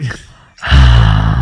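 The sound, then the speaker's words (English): A person imitates heavy breathing: a short breath, a brief pause, then a loud, sustained, raspy exhale that fills the rest of the moment. “Okay, that just sounds like you're breathing heavy.”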